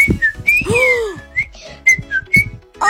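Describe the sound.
A woman whistles, imitating a short, bouncy jingle-like melody with quick rising and falling notes, fairly loud, with low percussive thumps beneath it and brief pauses between phrases.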